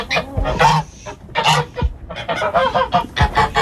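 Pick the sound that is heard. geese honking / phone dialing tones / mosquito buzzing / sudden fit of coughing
geese honking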